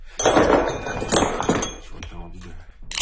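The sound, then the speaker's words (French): A hammer strikes stone a few times at an uneven pace, each blow a sharp, ringing clink with a brief chip-like rattle, fairly loud, with a voice murmuring faintly in between. “Un autre marteau.”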